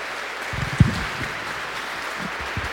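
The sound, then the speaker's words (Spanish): An audience at a Catholic Mass applauds for the Virgin Mary, Our Lady of El Quinche: a dense, continuous patter of many hands lasting throughout, with a few low thumps mixed in and no voices standing out. “¡Que viva la Virgen María! ¡Que viva! Un aplauso para ella, por favor.”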